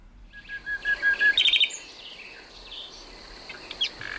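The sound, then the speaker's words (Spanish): A common nightingale sings at night: a sustained high whistled note, then a rapid burst of sharp repeated chirps, followed by quieter scattered phrases over a soft background hiss. “Esto es un ruiseñor común, en plena expansión nocturna.”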